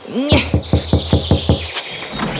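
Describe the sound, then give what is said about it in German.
A quick run of about six evenly spaced knocks on a gate, sharp and fairly loud, preceded by a short rising whistle-like chirp, with a faint high tone ringing underneath. “Wir klopfen jetzt gleich mal.”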